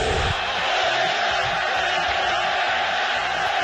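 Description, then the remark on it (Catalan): A huge stadium crowd at El Molinón jeers and chants in protest during a World Cup match, a dense, loud wall of many voices that stays steady and unbroken from start to finish. “El públic del Molinón, estadi que ja va néixer el crit a Sigan al Madrid, per tant gent que en sap, va reaccionar d'aquesta manera.”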